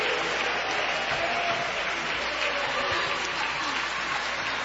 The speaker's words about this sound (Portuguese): Mas vamos receber o servo de Deus com muita alegria. Palmas para Jesus.